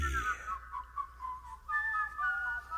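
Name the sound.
someone whistling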